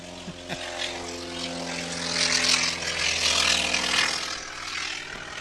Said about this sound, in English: And right on cue, we have a T-28 taking off.